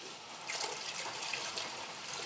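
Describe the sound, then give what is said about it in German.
Alcohol pours steadily from a bottle as the whole bottle is emptied in during cooking, a hissing, splashing trickle that starts after a brief pause and continues at an even, moderate level with no voices. “So, und jetzt Alkohol. Direkt die ganze Flasche.”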